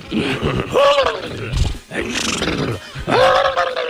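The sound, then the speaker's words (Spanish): A voice imitates a horse neighing, giving three loud, drawn-out whinnying calls with wavering pitch, separated by short gaps. “Vamos a hablar ya con los caballos. Oiga, caballo.”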